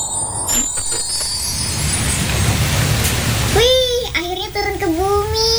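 Steady rain hisses as a dense, even wash of noise for several seconds, then a high-pitched voice starts talking over the continuing patter.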